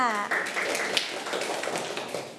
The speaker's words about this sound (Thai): เด็กๆปรบมือให้ทั้งสองคนค่ะ